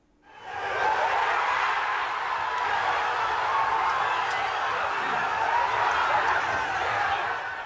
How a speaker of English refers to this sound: Well, as the full-time whistle seals the result, there was an explosion of cheer in this pub and other pubs across North London, as Arsenal fans celebrated a moment they felt might never come.